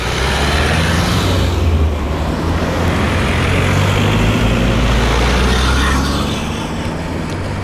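Steady, loud roar of busy traffic on the G4 main road linking Dravograd with the Štajerska motorway, with the deep rumble of trucks and buses and cars streaming past, continuous throughout with no voices.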